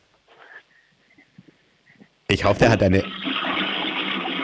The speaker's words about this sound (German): Ich wollte gerade sagen, ich hoffe, du hast eine laute Klospülung und du hast tatsächlich eine laute Klospülung